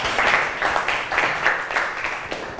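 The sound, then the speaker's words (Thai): A classroom group bursts into applause for student group 3, a steady patter of many hands clapping at once with no break, fairly loud and dense throughout, with no voices standing out. “เก่งมากปรบมือให้กับกลุ่ม3หน่อย”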